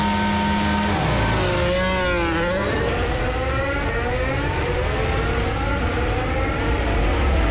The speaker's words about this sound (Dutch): Proefstart onboard alsjeblieft, Formule 1 management.